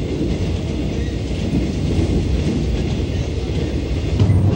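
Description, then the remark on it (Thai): A train rumbles steadily along railway tracks through the Dong Phaya Yen forest, a dense low roar with faint rhythmic clatter from the wheels, loud throughout without any voices. “หลังจากนั้นเส้นทางรถไฟสายต่างๆก็ได้สร้างผ่านป่าดงพญาเย็นเพิ่มอีกหลายสาย”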